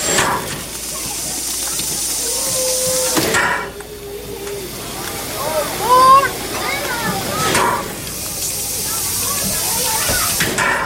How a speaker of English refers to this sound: The steam-driven locomotive with coal burning in the firebox idles at the station, chuffing out gray smoke.